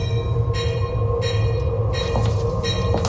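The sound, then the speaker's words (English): A departing train rumbles steadily with a deep, continuous low drone, while bright hissing bursts recur about every half second or so over it. Loud, with no voices. “I have to go down and prep the final train departure.”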